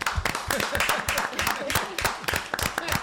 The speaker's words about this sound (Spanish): vamos a recibirlo con un forte aplauso.